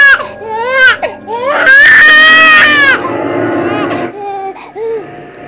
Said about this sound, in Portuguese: E então, quando o silêncio parecia prestes a nos engolir, ouvimos novamente, agora nós, eu ouvi e agora a Tereza também pôde ouvir, quer dizer, nós ouvimos o choro, o mesmo choro que eu tinha ouvido na noite anterior.